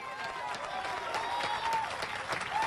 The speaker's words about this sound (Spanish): Porque no es a mí que me está aplaudiendo, sino al Dios de la gloria. El que le da palmas es a Dios que bendice.